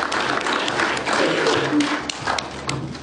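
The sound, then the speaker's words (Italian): An audience at a press conference applauds Professor Schittulli and the LIT, many hands clapping in a dense, steady wash of crackling claps that holds at an even, fairly loud level for about three seconds, with faint voices mixed in underneath. “E questo vi chiedo un grosso applauso, non per quello che ho banale ho detto, ma al professor Schittulli e tutta la LIT, perché se lo mera veramente di cuore.”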